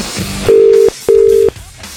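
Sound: telephone dial tone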